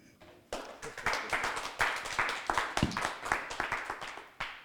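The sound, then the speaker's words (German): An audience breaks into applause, a dense rush of many hands clapping with sharp individual claps standing out, holding steady for several seconds before briefly dipping and picking up again at the end. “Das Publikum freut sich auch.”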